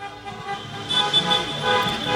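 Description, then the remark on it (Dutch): Several car horns honk over and over in a dense jam of street traffic at the Stadhuisplein in a city centre, where cars are gridlocked celebrating a Moroccan football victory. The overlapping blasts are loud against a constant road rumble. “Allemaal auto's. Die toeteren dus en Marokkaanse vlaggen uit het raam wapperen.”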